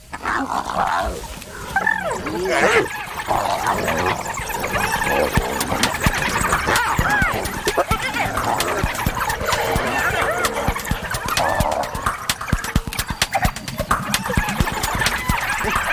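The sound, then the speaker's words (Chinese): Spotted hyenas, four of them present, squeal and yelp nonstop as they fight among themselves, a loud, frantic tangle of high whines, giggling cries and scuffling that carries through the whole stretch. “斑鬣狗自己打起来了”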